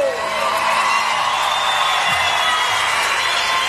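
A crowd in Argentina applauds and cheers steadily for a reggae performer, a dense, continuous wash of clapping and shouting that stays loud throughout, with a few brief tonal whoops rising out of the noise.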